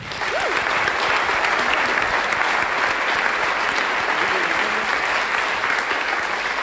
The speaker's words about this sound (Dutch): Mogen we uw applaus ook voor de mensen aan de techniek.